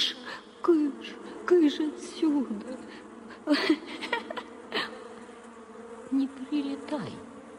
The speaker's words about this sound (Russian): она принялась отгонять от Пашки мух. Ловила их на лету и выпускала с ладони.